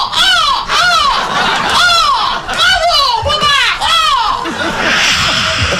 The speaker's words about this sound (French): La tempête étonnée se calme. Les mouettes passent admiratives.